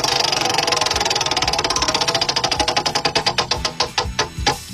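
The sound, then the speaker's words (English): A spinning topic wheel, the "Wheel of Topics", ticks rapidly, its sharp clicks gradually spacing out and slowing as it winds down, ending with a few loud, isolated clacks. No voices are heard. “I'm going to give it a spin.”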